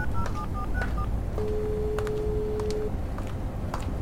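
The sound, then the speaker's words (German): A quick series of short electronic keypad beeps as a woman dials her father's number on a mobile phone, followed by a longer steady tone, all over a dull rumbling background with a few faint clicks. “Erin zog ihr Handy hervor und wählte die Nummer ihres Vaters.”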